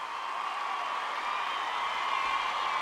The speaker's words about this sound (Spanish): Un aplauso de verdad para él.